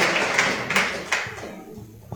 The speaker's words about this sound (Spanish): Fuerte los aplausos, hermanos. No nos vamos a cansar de aplaudir hoy.